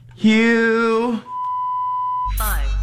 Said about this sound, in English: You're going to hear this beep, so tell me what's missing from that beep.